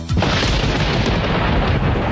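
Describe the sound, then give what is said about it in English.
A loud, deep rumble of thunder swells in almost at once and rolls on steadily for a couple of seconds, heavy and continuous, with no voices. “Hail and damaging winds are predicted with this next storm.”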